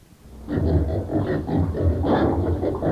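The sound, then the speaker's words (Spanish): Pigs that have gotten in grunt and snort in a steady, overlapping stream of low, rough pulses, fairly loud, with no talking over them. “Escuche, vos, mujer, ya se metieron los chanchos.”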